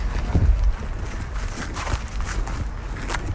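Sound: footsteps walking outdoors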